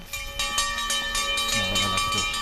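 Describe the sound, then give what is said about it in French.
A meal bell rings loudly and steadily, bright metallic strikes about twice a second, their ringing overtones overlapping into a continuous clang, with a faint voice briefly underneath near the end. “C'est la cloche du repas.”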